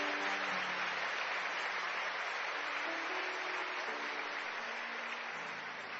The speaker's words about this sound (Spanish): Si quieres, aplaude al Señor que está en este lugar.